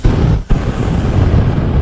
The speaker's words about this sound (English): Sometimes you need a flamethrower.